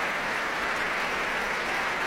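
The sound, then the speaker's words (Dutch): A large concert audience applauds the Concertgebouworkest, conducted by Dima Slobodenjuk, after Stravinsky's Symphony in Three Movements: a dense, even wash of many hands clapping at once, sustained throughout without pause or voices. “En applaus hier ook voor Ramon van Engelenhoven op piano en voor harpiste Petra van der Heijden.”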